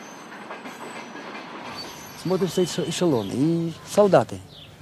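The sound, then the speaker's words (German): A steady, low rumble of a freight train on rails at a station fills the background. Partway through, voices from the freight wagons rise over it, calling out loudly for bread in several bursts. “Da begann es auch aus den anderen Güterwaggons zu rufen, gebt uns Brot.”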